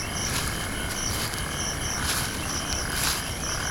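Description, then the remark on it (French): A dense, steady chorus of crickets chirps without pause in the grass of a South African savanna on a hot early night, with nocturnal birds of prey also heard, high, shimmering trills over a low, constant rumble of background noise. “J'entends des grillons et des rapaces nocturnes.”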